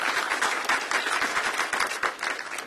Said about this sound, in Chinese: 愿意的拍手，把荣耀归给主吧，大声一点，大声一点。